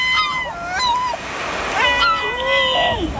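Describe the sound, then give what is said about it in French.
On a radio show, the show's producer imitates a gull (goéland) with a series of loud, nasal, wavering cries, each sliding up and down in pitch, with short breaks between calls over a steady hiss. “est-ce que tu sais faire le goéland, toi? Je le fais très très bien.”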